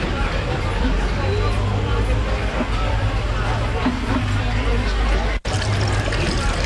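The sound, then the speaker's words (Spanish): A drink is poured into a glass for a customer who asked a waiter for one, in a steady, continuous trickle, set against a murmur of crowd chatter and a low hum, broken by one brief cut near the end. “Mesero, sírveme un trago.”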